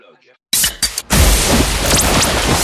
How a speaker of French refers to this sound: Une petite canette de décapsulé. Oui, j'entends. C'est le bruit, ça fait du bien, ça rafraîchit.